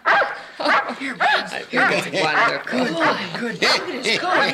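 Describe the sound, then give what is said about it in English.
A dog named Buttons, a once-wild dog taken in by a family, yips, barks and whimpers in quick, excited bursts, its high-pitched cries overlapping with people's voices throughout. “Good old Buttons. Now you're my very own dog.”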